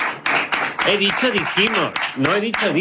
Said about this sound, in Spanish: Todos, por favor, fuerte aplauso para